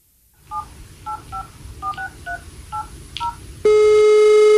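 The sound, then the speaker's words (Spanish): A phone number that does not exist is keyed in as a quick series of about eight two-pitched touch-tone beeps, each short and evenly spaced, then a loud steady electronic tone takes over and holds to the end. “Lo sentimos. El número que usted marcó no existe.”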